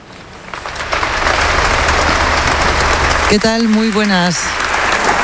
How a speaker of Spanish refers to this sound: Lo que estás escuchando ahora mismo en directo son los aplausos al discurso que ha dado su santidad el Papa León XIV aquí en la Abadía de Montserrat, un evento que te llevamos contando durante toda la mañana.